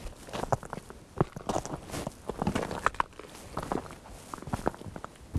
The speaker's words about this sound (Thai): ตอนนี้น่าจะถึงใจกลางของแม่น้ำแล้วฮะเราสามารถเดินบนแม่น้ำได้โดยไม่ต้องใช้เรือแต่ว่าเดินเป็นเพนกวินนิดนึงนะเพราะมันลื่นเดินได้ทีประมาณ10เซนการเคลื่อนไหวช้ามาก